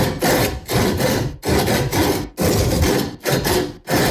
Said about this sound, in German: Hey, wir haben uns sowas von die Sägespäne und Zähne ausgebissen beim unserem Sägesong. Ich spiele ihn dir jetzt noch mal kurz an und dann drücken wir dir alle Daumen.